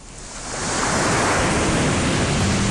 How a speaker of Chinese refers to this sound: 你听，鼓浪屿的海水拍打礁石